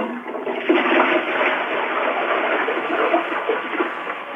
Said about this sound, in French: Non, tirez la chasse d'eau pour voir... Tirer la sauce d'eau. Avec le pain dedans.